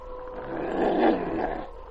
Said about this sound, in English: Sergeant, you hear that? Yes, a wolf howl. Quiet, King. It come from that way, from that hill.